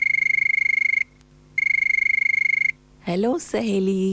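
A phone line plays a hold melody while connecting callers' messages: two buzzy, steady high-pitched electronic bursts, each about a second long with a short gap between, followed by someone starting to speak.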